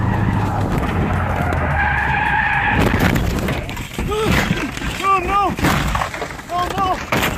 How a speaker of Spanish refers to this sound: El auto derrapó en la curva y cayó a un enorme acantilado en las montañas de San Gabriel en Los Ángeles, California.